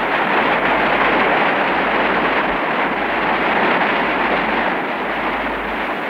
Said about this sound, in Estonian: Narva hüdroelektrijaama avamiseni oli tol päeval 1955. aastal jäänud vaid mõned tunnid. Viimaseid päevi kohiseb Narva Kosk.